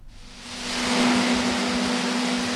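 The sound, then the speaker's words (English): A dense, continuous rumble of thousands of macadamia nuts tumbling through packing machinery in a packing shed surrounded by sugarcane fields in North Queensland, swelling over the first second into a steady loud roar with a constant low mechanical hum underneath. “The loud rumble of thousands of macadamias echoes from a packing shed surrounded by North Queensland sugarcane fields.”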